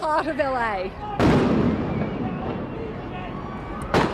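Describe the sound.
A sharp, loud gunshot-like bang cracks out abruptly as security forces fire rubber ammunition at an Australian reporter on camera at a demonstration in Los Angeles, followed by a long noisy wash, with a second sharp burst near the end; a voice speaks just before the first shot.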